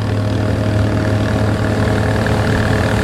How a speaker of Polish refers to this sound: Obok nas już przepływają inne łódki. Bardzo szybko.